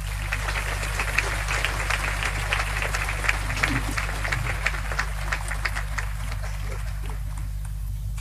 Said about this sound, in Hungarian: Egy nagy tapsot nekik!